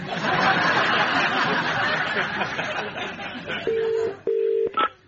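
A mobile phone call being placed: after a burst of noisy crowd chatter and laughter, two steady ringing tones sound clear, followed by a short keypad beep.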